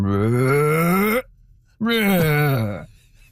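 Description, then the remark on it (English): A person imitates humpback whale song with two long, loud, moaning vocal swoops: the first rises steadily in pitch, then after a short pause a second falls and wavers, groan-like and harmonic-rich. “justice to the full humpback whale voice, but it's something like.”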